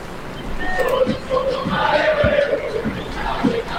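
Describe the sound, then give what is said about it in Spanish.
A large football stadium crowd at a Boca match applauds and roars during a player substitution, in a steady, dense wash of noise, with voices rising and chanting through it for the whole stretch. “Aplausos.”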